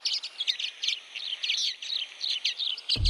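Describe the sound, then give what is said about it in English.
A common waxbill sings a steady run of rapid, high, buzzy chirps, repeating without pause for several seconds, then a brief low thump cuts in at the very end. “I can't believe that I found the bird. It's a common waxbill.”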